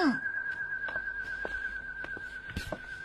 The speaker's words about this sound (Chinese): 啊，鸽子。 不对，鸽子怎么会吹口哨呢？